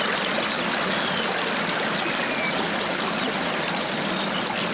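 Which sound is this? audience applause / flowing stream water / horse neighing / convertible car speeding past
flowing stream water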